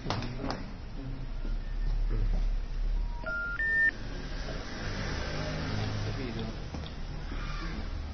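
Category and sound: signal or alarm, phone call ringing tone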